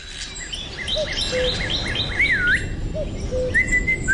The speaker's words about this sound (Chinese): 不许吹口哨，破坏纪律。